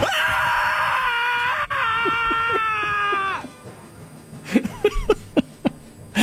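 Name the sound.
man screaming in frustration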